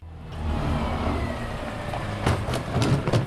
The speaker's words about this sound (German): parkt das große weiße Müllauto in einer kleinen Seitenstraße im Saarlouer Stadtteil Neuvorweiler. Die grünen Biotonnen stehen am Straßenrand vor den Einfamilienhäusern bereit und müssen eingesammelt, geöffnet und geleert werden.